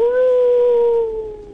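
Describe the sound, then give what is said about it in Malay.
A voice imitates a wolf's howl: one long, loud, steady tone held for over a second, sliding slightly lower and fading at the end. “Oh, macam tu bunyi serigala eh?”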